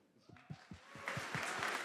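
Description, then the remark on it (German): An audience at the re:publica conference breaks into applause, starting thin and quickly swelling into a dense wash of clapping that fills the short moment, with some low rhythmic thumps underneath. “Das heißt, ein großer Applaus für uns als Menschen.”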